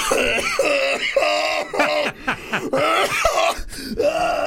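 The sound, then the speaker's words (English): A run of loud coughs and throat clearing, several rough bursts in quick succession with a strained, voiced edge over about four seconds. “I'm not sneezing, am I? I'm coughing.”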